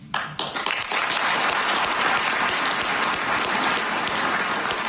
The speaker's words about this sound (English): That applause went on for a couple minutes, if I remember correctly, or at least it felt like a couple minutes. It was so moving.